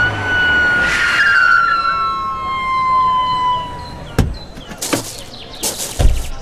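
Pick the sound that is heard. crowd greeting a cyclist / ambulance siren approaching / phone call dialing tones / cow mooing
ambulance siren approaching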